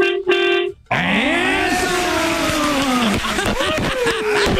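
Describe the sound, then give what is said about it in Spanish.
A truck horn gives a short, steady, buzzing honk lasting under a second, then a loud jumble of overlapping voices, shouts and whoops with rising and falling pitch takes over. “A ver, quiero que toques el pito. Ahorita vas en el carro, vas en el camión.”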